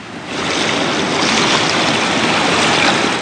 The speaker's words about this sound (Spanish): Los daños acumulados tras el paso de los huracanes Otis y John, además, el oleaje del fenómeno mar de fondo, han dejado una huella profunda en esta franja costera. Las olas han golpeado los muros de contención, han debilitado estructuras